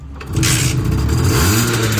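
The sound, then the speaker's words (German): A Simson S51 moped engine, started with a turn of the key, catches and runs with a buzzy, steady idle, its pitch wavering and rising slightly as it revs, loud throughout with no talking. “Schlüssel rum, lass mal an das Ding.”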